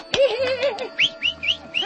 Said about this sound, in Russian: никогда клестов красноперов не видел? Нет, не видел. У нас в городе таких птиц нет.